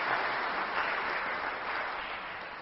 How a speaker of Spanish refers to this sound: Les pido, por favor, le demos un fuerte aplauso.